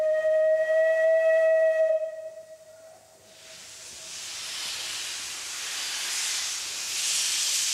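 steam locomotive hissing steam

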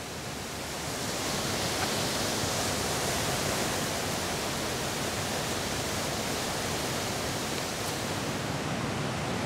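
rushing water

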